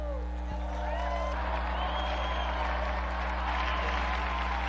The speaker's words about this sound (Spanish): Unidos pues a la congregación de Santa Úrsula y a la Iglesia de Alemania, brindemos nuestro vivo aplauso a la beata Blandina Merten.